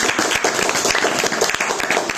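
An audience applauds steadily for a child, many hands clapping in a dense, continuous patter at a fairly loud, even level throughout, with no voices standing out.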